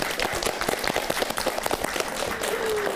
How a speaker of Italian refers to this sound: Bravo, un applauso a Miguel.